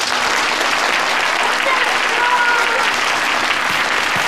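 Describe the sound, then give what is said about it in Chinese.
A group of students claps steadily for about four seconds in dense, even applause, welcoming a young painter, an art teacher invited for a calligraphy and painting competition. The clapping stays loud throughout with a faint murmur of voices underneath. “是一位年轻的画家，大家鼓掌欢迎。”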